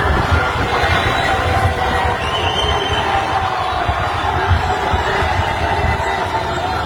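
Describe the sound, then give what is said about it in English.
A large crowd roars and cheers without a break, a loud, dense wall of voices with heavy low rumble, recorded on a cell phone in downtown Toronto by the Rogers Centre as people spotted someone walking by. “Recorded off someone's cell phone. Doesn't even do it justice. People were losing their minds.”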